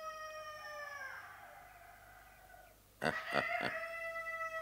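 The neighbours' rooster crows a long, drawn-out call that slides downward in pitch, then a few sharp rasping bursts break in before another strained, sustained crow. No one speaks.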